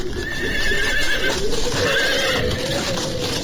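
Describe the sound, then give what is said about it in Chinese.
A horse whinnies with a high, wavering cry while hooves clip-clop steadily beneath, as a single-horse carriage with a cotton-padded cover, blue trim and golden tassels pulls up over snow at Qianmen railway station in Beijing, hailed by Chen Duxiu. There is no talking, just a continuous, fairly loud bed of movement noise. “一辆围着棉围子的单套马车应声而至，棉围子外面镶着蓝边，挂着金黄色的流苏，模样挺漂亮。”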